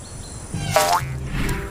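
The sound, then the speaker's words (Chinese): A katydid named Yangyang gives a brief buzzy chirp that rises in a short sweep, followed by a fainter second trill, over a low steady background hum. No one speaks. “你们好，我叫洋洋，是一只蝈蝈。对不起，吓到你了。”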